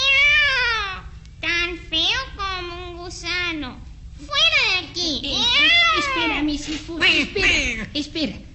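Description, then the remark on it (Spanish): A human voice imitates a cat with a run of drawn-out, wavering meows, close and fairly loud, one after another with brief pauses, over a faint low hum. “Y con el sueño que tengo, ojalá hiciera un ratón sabroso bocado, miau. Buenas noches, señor gato.”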